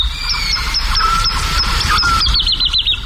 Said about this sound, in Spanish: hacia las 5, 5 y pico de la mañana, una noche de luna llena, en el cielo, colgada en el aire, hay cantando una totovía, la alondra de bosque. Y al fondo, los sonidos de los búhos chicos, de los cárabos, de los chotacabras, las aves nocturnas.